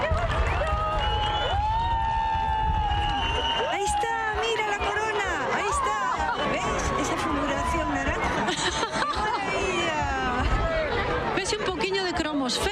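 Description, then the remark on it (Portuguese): A large crowd cheers and shouts excitedly at the diamond ring moment of a total solar eclipse, with many overlapping voices whooping and calling out in rising, sliding tones over a steady roar of chatter for the whole stretch. “Esos puntiños vermellos, primero fue el anel de diamante, por eso gritaban, claro.”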